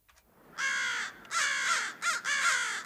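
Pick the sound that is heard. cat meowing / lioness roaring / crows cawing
crows cawing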